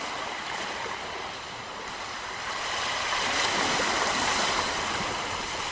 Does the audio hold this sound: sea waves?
yes